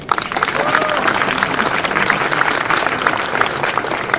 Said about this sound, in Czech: Je mi ho líto a zdravím ho. Prosím o potlesk.